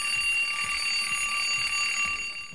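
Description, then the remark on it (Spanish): A loud, continuous electronic alarm clock rings steadily for a few seconds, its bright high-pitched tones holding constant with no voices present. “Sonó el despertador.”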